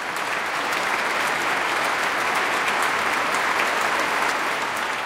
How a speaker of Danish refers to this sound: Flot udgave af Saint-Saëns klaverkoncert. Og der er også spontane bravo-råb, kan jeg høre, fra publikum i Minneapolis.